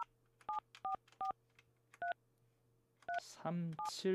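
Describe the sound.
A host dials to connect a call with a listener taking part in a hymn and gospel song challenge: about six short two-tone keypad beeps in an uneven rhythm over a low steady hum, then a man's voice begins talking near the end.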